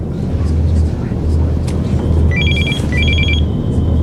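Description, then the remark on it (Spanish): A telephone rings twice in quick electronic trills, two short bursts in a row, cutting through a loud, steady low rumble like an idling engine. “Nunca había visto este teléfono.”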